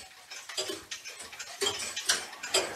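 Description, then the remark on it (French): A clock repaired in a clock repairer's workshop in Les Écorces ticks loudly and steadily, with sharp, regular clicks about twice a second over a faint background hiss. No voices are present. “Toutes les horloges qui passent vers moi, je les empoigne, j'essaye de les réparer, les faire marcher. C'est une passion. Donc le tic-tac est très fort.”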